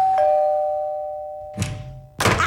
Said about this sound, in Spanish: ¿Por qué me cierran la puerta en la nariz? Ni siquiera vieron mi auto y apenas estaba diciéndole que era la ladrona y ¡zas! ¡Portazo!